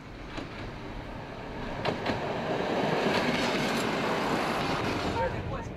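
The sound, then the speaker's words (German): An AFE railcar, one of five used railcars bought from Sweden in 2013, rumbles steadily along the tracks, a dense, continuous roar with faint rhythmic clatter and a few sharp clicks, holding an even loudness throughout. “2013 wurden 5 gebrauchte Triebwagen erstanden.”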